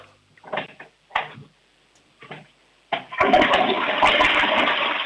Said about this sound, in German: Das ist eine laute Klospülung. Also ich würde sagen, da kann man schon ordentlich hinein. Da ist trotzdem alles weggespült.